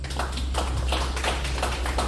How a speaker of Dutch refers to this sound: Applaus voor Sherida.